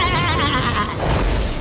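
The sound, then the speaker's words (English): A single loud sheep bleat with a shaky, quavering tone, trailing off after about a second into a low, rumbling noise. “Oh, sheep.”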